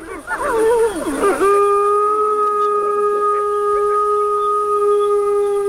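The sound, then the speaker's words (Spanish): Wolf pups howl in protest after an adult wolf signals them to be quiet, starting with a tangle of wavering, yipping cries that settle into one long, steady, high howl held to the end, fairly loud. “Los cachorros ahora van a protestar.”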